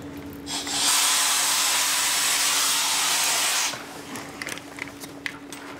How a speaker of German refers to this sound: Praktisch wie ein Staubsauger funktioniert das, ja? Da ist außen die Pumpe mit einem Sieb, das bediene ich halt. Und die Taucher sind unten und saugen halt ab, ne?